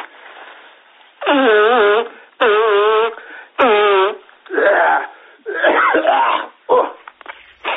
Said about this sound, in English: Hold on a minute, man. Just let me blow my nose, eh?